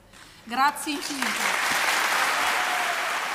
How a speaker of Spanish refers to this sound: Muy, muy aplaudidas esas palabras de la soprano emocionada